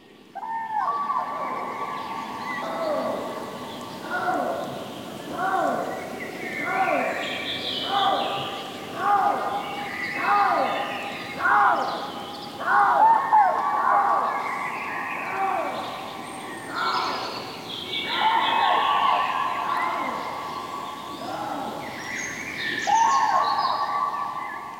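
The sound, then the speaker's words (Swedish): Common cranes and a lynx call back and forth at night in the Siggefora area outside Uppsala: loud, rolling trumpeting bursts repeat in a steady rhythm, mixed with drawn-out wailing cries, with no talking. “Och här är en häftig kombination som man kan få höra i Siggeforaområdet utanför Uppsala. Trana och lodjur.”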